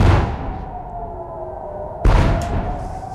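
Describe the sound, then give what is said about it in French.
Two heavy explosions in the sky over Jerusalem, preceded by an alert, about two seconds apart, each a loud, deep boom followed by a rumbling decay, with a faint steady tone humming underneath. No one speaks. “Deux lourdes explosions, vous l'entendez, c'était il y a moins de 2 heures dans le ciel de Jérusalem, précédées d'une alerte, 100 jours exactement après l'attaque américano-israélienne sur l'Iran.”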